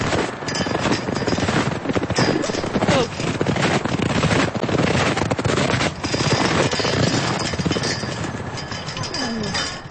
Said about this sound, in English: Sounds from a windy spring day at Marion Gulch.